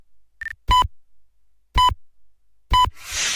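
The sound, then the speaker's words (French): A short high tone followed by three sharp electronic pips, evenly spaced about a second apart, a radio time signal marking four o'clock, ending in a burst of hissing static. “Pour quatrième top, il sera 4 heures.”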